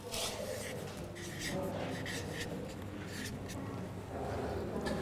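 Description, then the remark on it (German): Steady scratching of a pen writing on a word card during an English lesson, changing the card to express a prohibition with "don't", with short strokes and brief pauses, continuing for several seconds with no voices. “wie kannst du deine Wortkarte verändern? Schau mal, den Stift bekommst du von Paulina.”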